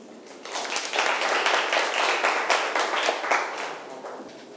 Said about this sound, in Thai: ปรบมือเพื่อนหน่อยนะครับ